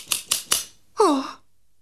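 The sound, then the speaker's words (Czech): Three quick, crisp snips of scissors in a steady rhythm, fairly loud, followed by a short falling vocal sound like a sigh or exclamation. “Mám nůžky.”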